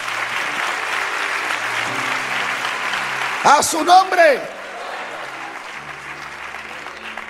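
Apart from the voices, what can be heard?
audience applauding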